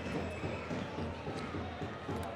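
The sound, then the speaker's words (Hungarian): Dense, steady applause from a large crowd in the stands at a football match, a crackling wash of many hands clapping after a shot goes over the bar in the 38th minute, holding fairly even in loudness throughout with no voices standing out. “Jön a Tapsa nézőtérről.”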